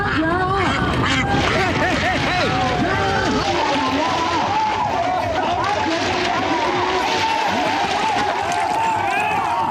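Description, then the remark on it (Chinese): A dense chorus of ducks quacking loudly and continuously during a duck-catching contest in which both men and young women compete, mixed with the murmur and shouts of a lively crowd throughout. “抓鸭子不光是男士的比赛，不少小姐姐也不甘示弱，真是巾帼不让须眉，只因眼中有鸭。”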